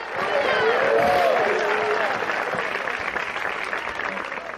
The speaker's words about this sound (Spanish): Si es para el Señor ese aplauso, déselo fuerte.